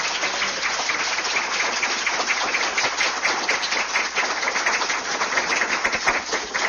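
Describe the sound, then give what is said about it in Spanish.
An audience claps steadily for several seconds, a dense, crackling wash of many hands at an even loudness with no voices over it. “Eso es maravilloso, dense un aplauso.”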